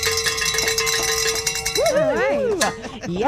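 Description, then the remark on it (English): Bells rung to celebrate a radio station reaching its call-in fundraising goal ring in a bright, sustained metallic jangle for the first couple of seconds, then excited voices whoop and cheer over the continuing ringing. “Oh, we've got something to celebrate. Yay. Grab your bells.”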